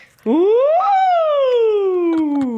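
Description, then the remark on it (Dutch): A single voice imitates a siren, sweeping up briefly and then gliding slowly from high to low in one loud, sustained tone, with a few faint clicks near the end. “Dus ik zou zeggen, doe een sirene van hoog naar laag.”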